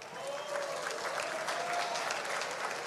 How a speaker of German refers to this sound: Einmal einen kräftigen Applaus noch einmal.